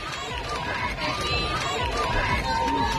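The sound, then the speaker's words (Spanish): A large street crowd in Madrid, Spain, on a hot, sunny Sunday of the Pope's visit chants "Juventud del Papa" and "Viva el Papa", many voices blending into a loud, continuous roar with rising sung syllables and steady rhythmic shouts throughout. “Volvíamos a escuchar Juventud del Papa, Viva el Papa.”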